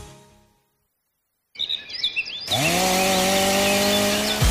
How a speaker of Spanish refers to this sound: ¿Ramas rebeldes? ¿Leña para el invierno? No pierdas el tiempo. Siente el verdadero poder del corte con la tecnología y precisión de las motosierras Steel.